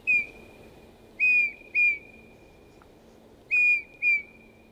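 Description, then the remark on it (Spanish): Song of a male Eurasian bullfinch (Pyrrhula pyrrhula): five sweet, clear, powerful whistled notes, loud, arriving singly and in pairs with short gaps, over a faint low hum and no talking. “Su canto es una serie de dulces silbidos potentes que el macho debe aprender de sus padres.”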